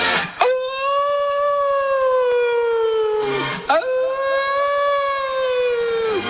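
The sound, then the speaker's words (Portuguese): Two long, loud howls follow one another, each rising sharply and then sliding slowly downward in a steady, mournful wail, like wolves howling, with no talking. “Os lobos famentos das esteiras, raza asesina, a raza asesina dos lobos das esteiras.”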